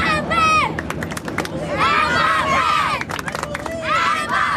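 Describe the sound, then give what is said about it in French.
A stadium crowd of football supporters in the United States cheers wildly as captain Kylian Mbappé gestures toward the stand, a dense roar of many voices with high shrieks and screams rising in waves, loud and continuous throughout, peaking in bursts at the start, middle and end. “Dès qu'il a adressé un geste vers la tribune, les supporters sont devenus totalement fous.”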